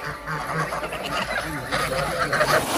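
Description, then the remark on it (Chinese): A flock of Landes geese honks continuously, a dense, overlapping chorus of calls with no pauses, filling the whole stretch at steady loudness. The geese are bred in Linqu, at the northern foot of Yishan, for foie gras production. “加之林渠地处宜山北麓，与法国朗德地区的气候高度相似，朗德鹅一经引入，便在这里实现了成功繁育。”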